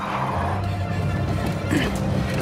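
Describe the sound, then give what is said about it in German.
A car with its gas pedal stuck roars continuously with a low, rough droning hum that holds steady and loud for a few seconds, swelling slightly toward the end. “Das Gaspedal klemmt.”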